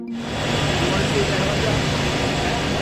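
A helicopter engine roars steadily and close by, a dense, loud turbine whine with a low mechanical drone underneath that holds constant throughout.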